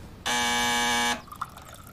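A doorbell rings once as a loud, harsh electric buzz held steadily for about a second, then cuts off, leaving faint room noise with a couple of small clicks.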